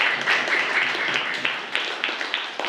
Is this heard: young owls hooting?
no